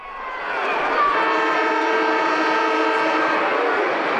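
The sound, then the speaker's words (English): A football ground siren, cued on ABC Local Radio for grand final day in the West Kimberley Footy League, blares loud and steady, swelling in over the first half second, then holding one rich, droning horn-like tone for several seconds with no voices. “And today, it's grand final day in the West Kimberley Footy League. Cue the siren.”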